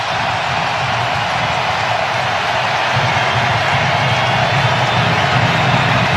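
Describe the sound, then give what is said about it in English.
A big World Cup stadium crowd roars and cheers after a U.S. free kick goal, in a dense, sustained wall of noise that stays loud and steady for the whole stretch, with no single voice standing out. “Listen to the crowd come to life here.”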